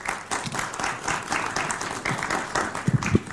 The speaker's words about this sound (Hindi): ताली बजा रहे बच्चे।